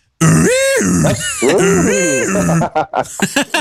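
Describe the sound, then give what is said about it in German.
The old-fashioned horn of a 1927 Ford A car sounds twice, each a loud, buzzy honk whose pitch swoops up and then drops away, followed by a few brief bursts of voice. “Mach nochmal die Hupe.”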